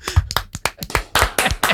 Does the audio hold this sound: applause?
yes